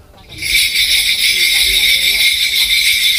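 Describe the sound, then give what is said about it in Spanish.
Ritual bells jingle in a dense, continuous shimmer that starts abruptly and stays loud and steady throughout, like a cluster of small bells being shaken without pause, in a Korean shamanic ritual called gut. “Pues parece que llega Papá Noel, ¿no? Sí, parece el trineo.”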